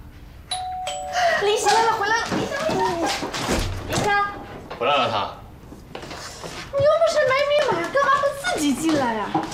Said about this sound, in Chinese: 进来呀！不是你说的，让我进门的时候学凌霄按门铃敲门的吗？